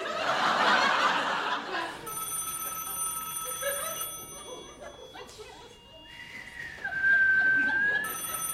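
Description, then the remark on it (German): A telephone rings with steady electronic tones, following a burst of laughter. Later a sustained whistle-like tone rises and holds before fading. “da schält's. Hä? Telefon.”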